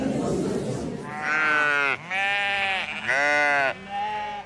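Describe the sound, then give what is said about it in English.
Sheep in show pens bleat loudly, three long wavering calls in quick succession, then a softer fourth, over a faint background murmur. “Over to the sheep blinds now”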